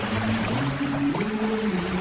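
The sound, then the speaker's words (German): A steady wash of Italian sea waves, constant rather than surging, with a low droning hum running underneath; no voices. “Sie hören ja hier schon die italienischen Wellen.”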